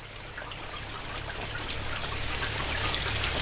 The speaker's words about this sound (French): Un message sous la pluie. Oui, parce qu'il pleuvait.